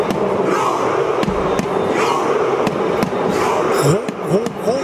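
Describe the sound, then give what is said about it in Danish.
A dense crowd at a World Cup stadium in the USA roars a Norwegian Viking war cry in unison, fans and the national team making rowing motions, voices swelling into the chant, punctuated by sharp, evenly spaced claps or drum-like hits cutting through the steady wall of noise. “Norge har jo gjort sig bemærket ved VM, Anders, på grund af det her råb.”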